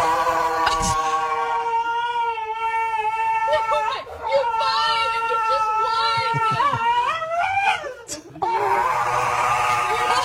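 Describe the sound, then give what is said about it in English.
A dog screams during nail clipping: loud, drawn-out, high-pitched wails that rise and bend in pitch, nearly continuous for ten seconds with a brief break near the end. “Here's a dog getting its nails clipped.”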